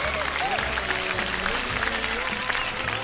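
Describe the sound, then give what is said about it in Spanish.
A crowd applauds steadily for the husband of Chela, who is cutting the garden, a dense, even wash of many hands clapping with no pause, with faint voices barely showing beneath it. “Un aplauso para el esposo de Chela que está cortando el jardín.”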